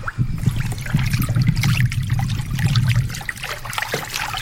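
A steady flow of river water, burbling and trickling continuously with a low rushing undertone, moderately loud, with no voices.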